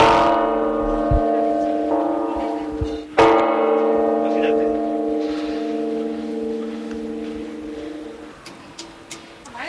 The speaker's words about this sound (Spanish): subimos a lo más alto de Santa María para escuchar y ver sus campanas de cerca.